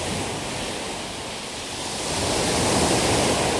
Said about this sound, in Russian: Но во время плохой погоды, когда на море очень сильный ветер, шторм, прибрежные волны могут достигать высоты многоэтажного дома.